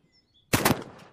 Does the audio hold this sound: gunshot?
yes